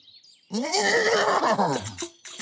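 A horse lets out one loud, shrill whinny that wavers and slides downward for about a second and a half, followed by a couple of short breathy snorts.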